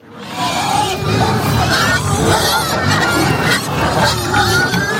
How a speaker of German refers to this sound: Ein saumässiger Lärm. Im wahrsten Sinn, weil es so tönt, wenn 35 Schweine darauf warten, dass es Futter gibt. Und so, wenn sie dann endlich ihr ersehntes Fressen bekommen haben.